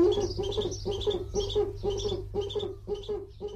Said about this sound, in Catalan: Duc, bubo, bubo. Mussol que trobem en hàbitats forestals i rupícoles durant tot l'any.